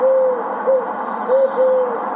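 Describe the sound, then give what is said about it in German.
An eagle owl hoots four times in a steady, unhurried series, each call a clear, mellow tone that rings out fairly loud over a soft background hush, with no voices. “Lieber Uhu, warum bin ich so hässlich?”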